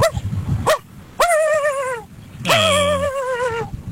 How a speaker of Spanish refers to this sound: Así ladra mi perro, John.